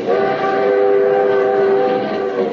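A passenger train, the limited on which Superman rides in a compartment, rolls steadily along the rails, a loud, continuous rumble layered with sustained, whining tones that hold evenly throughout, with no voices.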